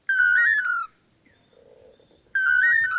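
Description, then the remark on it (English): A pair of male long-tailed manakins in Central America sing a loud, whistled duet to woo females: a warbling phrase rich in harmonics, a brief softer, lower stretch, then the same bright phrase returning, clear with no voices. “Researchers have estimated that the dynamic duo may perform their Toledo song up to 5,000 times in one day.”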